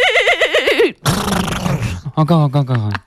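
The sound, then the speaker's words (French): In a turn-taking contest of horse imitations (thoroughbred or 'double pony'), a person imitates a horse whinny with a wavering, vibrato-laden cry, then adds a rough snorting burst and a lower, neighing flourish, all loud, lasting about three seconds. “Attends, tu dirais que je suis plutôt double poney ou pur sang ?”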